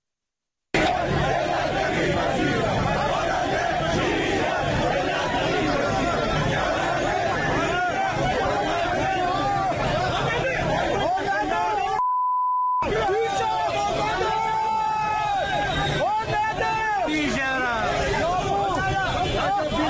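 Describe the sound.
A large protest crowd of people who lost money in heavy-vehicle import schemes chants and shouts loudly and continuously outside the Ministry of Industry, Mine and Trade building in Tehran, many voices overlapping in a dense roar, broken briefly midway by a short steady electronic beep before the chanting resumes.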